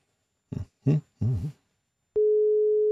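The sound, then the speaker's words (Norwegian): Three short, warbling bursts come first, then a loud, steady telephone call tone begins and holds unbroken to the end, as a phone call is placed to contestant number two. “Skal vi ringe en deltaker nummer to? Ja, vi ringer deltaker nummer to.”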